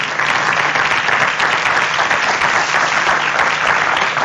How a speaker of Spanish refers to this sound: Muchísimas gracias por su presencia. A ver, aquí un aplauso también para ellos, por favor.